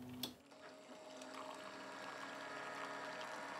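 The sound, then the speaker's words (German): A brief click, then a motorized coffee machine brews 15 grams of medium-ground coffee: a steady whir with a faint pump-like hum and trickling water, holding at a constant level with no talking. “Gebrüht wird, wie soll es auch anders sein, motorisiert.”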